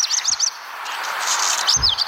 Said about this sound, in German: Und im letzten Jahr der Hausrotschwanz.